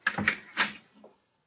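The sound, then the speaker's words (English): A door opens: a few quick latch clicks and rattles within about a second, clear, with no one talking; the door to Mrs. Willows' room. “Open the door.”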